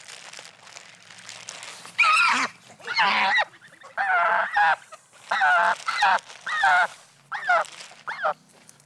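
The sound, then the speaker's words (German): A goose honks loudly and repeatedly in harsh, agitated bursts, about seven calls over several seconds, as it is being caught to be ringed by a bird observatory, with faint rustling between calls and no talking. “Moin, die wird gleich gefangen, kriegt einen Ring von der Vogelwarte.”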